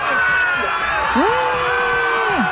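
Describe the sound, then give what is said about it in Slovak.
A crowd on a beach cheers and chants together, with loud overlapping voices and one long, rising, held yell over a steady roar of many people, greeting a swimmer's success after a long cold-water swim on his fifth attempt. “pokuse, ale absolútne to stálo za to, lebo na pláži ho čakal skandujúci dav, ktorý sa takto tešil z jeho úspechu.”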